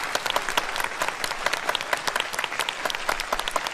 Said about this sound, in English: Meanwhile, a great round of applause for Team B for their wonderful performance.